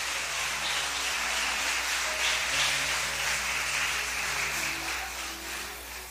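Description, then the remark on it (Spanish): A crowd claps for Jesus Christ continuously for about six seconds, a dense, steady crackle of many hands that stays fairly loud before easing slightly at the end. No one speaks. “Le damos un aplauso a él en esta noche, hermano.”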